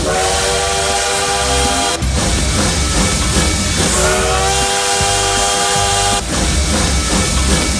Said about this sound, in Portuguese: porque o trem bala já tá por aqui, ó, aquecendo os motores, fazendo aquele barulho.